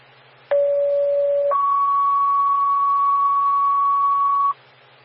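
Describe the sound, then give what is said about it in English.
Fire dispatch alert tones over a radio channel for Engine 431: a steady lower tone held for about a second, then a higher tone for about three seconds, loud and clear over faint static hiss. “Check on engine 431 acknowledges tones.”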